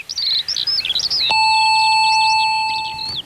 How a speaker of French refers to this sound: Une sonnette, une petite grille de haut-parleurs. Gabriel appuya en respirant un grand coup.